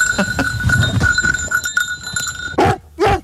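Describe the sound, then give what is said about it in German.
A small bell on the rescue dog Eddie rings steadily and keeps jingling as the dog draws nearer to a person posing as missing, with rustling movement underneath, followed by two loud barks from the rescue dog. “Ich höre die Glocke, sie kommt immer und immer und immer näher.”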